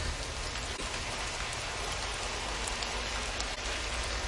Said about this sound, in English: It's like one of my favorite parts of having to open a garage is when it starts raining like that. The sound is nice, you know. It's pretty simple for me.